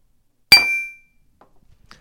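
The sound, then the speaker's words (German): A single bright clink of glasses touching, ringing briefly with a clear metallic shimmer before fading, followed by a few faint small knocks in otherwise quiet surroundings. “Prost.”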